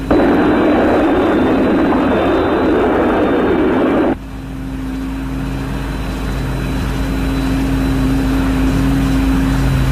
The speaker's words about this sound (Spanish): Alan, te habla Scott desde Thunderbird 1. Nos estamos aproximando. Así que trata de escuchar el sonido de nuestros jets. Cruzando la costa del Pacífico.